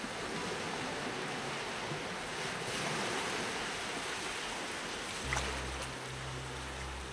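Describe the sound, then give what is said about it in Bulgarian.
Steady, broad rushing of sea waves washing onto a shore, continuous with gentle swells and no voices, joined by a low droning rumble in the last couple of seconds. “Краят на плетката изтига вълните, стопява се, в морска пяна се превръща.”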